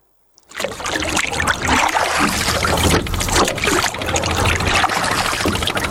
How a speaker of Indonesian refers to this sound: Pagi hari di Teluk Kendari, di antara perahu-perahu kecil yang bergerak di permukaan air, seorang perempuan berusia 70 tahun mulai mendayung.